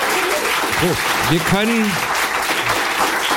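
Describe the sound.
An audience claps steadily throughout, a dense, even wash of applause, with a couple of short whoops and cheering voices rising over it near the middle.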